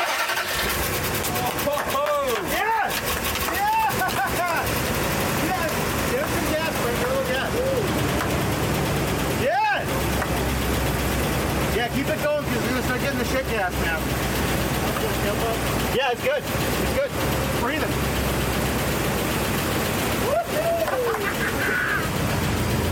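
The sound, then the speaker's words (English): A truck engine runs loud inside the cab, its doghouse cover open so the engine sits right at the driver's knees, blowing dirt; a steady rumbling roar fills the whole span while muffled voices come and go beneath it. “Get a little dirty because it blew all over me because like the engine's in the cab, which makes no sense to me.”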